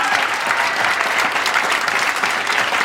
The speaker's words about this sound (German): Nochmal euren Applaus und dann sage ich es.